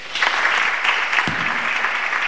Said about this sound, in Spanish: un aplauso para él